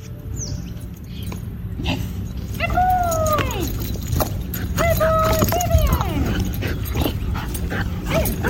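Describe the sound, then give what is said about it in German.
A rescue dog named Bär whimpers in a series of high, wavering whines, several short cries rising and falling in pitch, over a steady low rumble of background noise, while searching for injured koalas in bushfire-destroyed areas in Australia. “So klingt ein Koala-Experte bei der Arbeit. Das ist Rettungshund Bär.”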